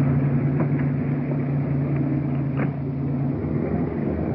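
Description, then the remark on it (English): A car engine runs steadily, a low droning hum with a brief soft scrape or click partway through, as the car is eased slowly out of the middle of the street and pulled up against the curb. No one speaks. “Why don't you pull it up against the curb and get it out of the middle of the street?”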